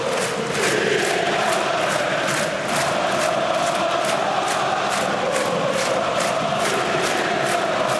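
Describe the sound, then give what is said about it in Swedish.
AIK supporters in a huge stadium roar and chant continuously at a home derby against Hammarby, with AIK leading 3-2 and five minutes left. A dense wall of voices with rhythmic clapping or stamping pulses runs through it, loud and sustained throughout. “Och lyssna på AIK-publiken nu.”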